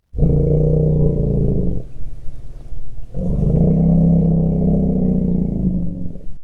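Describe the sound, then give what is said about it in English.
Two long, deep low-frequency elephant rumbles of greeting, loud, separated by a brief quieter pause; each is a sustained, throaty low growl with rich harmonics and no voices present. “That is a rumble of greeting for my guest, Joyce Poole”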